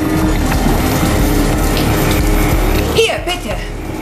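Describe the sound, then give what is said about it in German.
Water pours steadily from one bucket into another, some of it spilling, with a continuous splashing rush, then a brief louder slosh near the end before the flow tapers off. “Beim Umfüllen der Eimer verschüttete ich etwas Wasser.”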